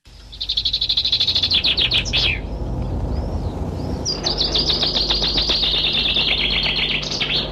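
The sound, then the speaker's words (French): A common whitethroat sings two rapid, scratchy trilled phrases, fairly loud, separated by a brief pause, over a low steady background rumble. “Cette émission sera irriguée par le chant mélodieux et grinçant de la fauvette grisette qui aime à se dissimuler dans les milieux de friches ouverts en herbe, ponctués de buissons bas et de ronciers.”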